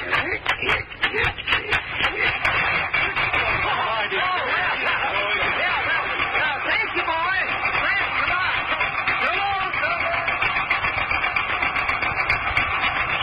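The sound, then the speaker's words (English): An old car engine is hand-cranked, giving a few quick rhythmic turns before it catches and settles into a steady, rattling idle that runs loud, with faint voices underneath. “Try cranking her again.”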